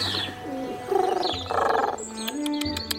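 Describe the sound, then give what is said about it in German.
A dove coos in soft, throaty pulses, its rounded murmuring calls repeating several times, with a few brighter chirps near the end and no one speaking. “Ach, mein Täubchen!”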